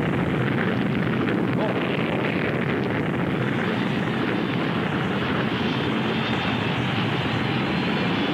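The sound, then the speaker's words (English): A huge glowing cylinder spacecraft comes down to land on a football field with a loud, continuous roar, a thick rumbling blast with a steady hiss on top that holds unbroken for about eight seconds. “A huge glowing cylinder has landed on the football field, just barely missing the band.”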